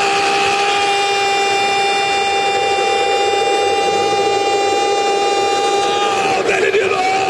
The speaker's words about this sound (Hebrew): את כל האצטדיון צועק. והוא אפילו חיכה עם השיא המפורסם שלו, אחרי שהוא כבש את השער הראשון בדקה השישית, זה ששמענו עכשיו.